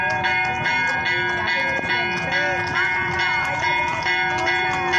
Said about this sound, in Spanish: Mira el desfile de los caballos. Y el sonar de las campanas de la iglesia. ¡Qué hermoso!